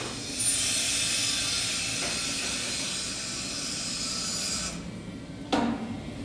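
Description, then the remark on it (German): A loud, steady rush of steam from a still hisses for about four seconds during cleaning of the distilling apparatus after a distillation run, then cuts off abruptly. A short knock follows soon after, with a low rumble underneath throughout. “So, jetzt kommt mal eine Dampfwolke.”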